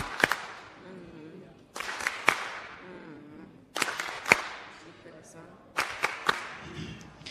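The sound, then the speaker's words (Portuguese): Sparse applause: sharp, loud handclaps arrive in short bursts of two or three, separated by pauses, with a low murmur of voices beneath. “Palmas carinhosas.”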